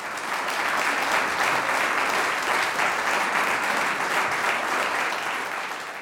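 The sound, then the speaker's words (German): Steady audience applause for a woodwind quintet fills the space, a dense wash of many hands clapping at an even level for several seconds before tapering slightly at the end. “Applaus für das Holzbläserquintett Aires Tropicales.”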